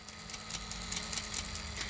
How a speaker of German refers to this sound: Ich höre was surren. Hört ihr das auch? Ja, das ist ein kleiner Ventilator, der da leise surrt. Wozu das denn? Damit das Innere hier nicht zu heiß wird und die Kabel nicht schmelzen.